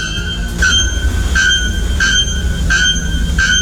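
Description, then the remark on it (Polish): A bare-throated bellbird, a bird of Brazil's Atlantic forests whose call can exceed 120 decibels, gives five loud, ringing metallic notes at a steady, evenly spaced rhythm, each a bright clanging tone over a low, rumbling background noise. “Pierwszy to dzwonnik na goszyi, ptak zamieszkujący atlantyckie lasy Brazylii, znany ze swego donośnego, metalicznego śpiewu.”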